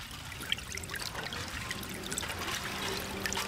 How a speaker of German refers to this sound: Und dann ist es soweit. Das Wasser ist da. Es drängt sich zwischen den Lücken der Spundwände hervor. Durch das Hineintreiben der Stahlgiganten hat es sich leicht getrübt.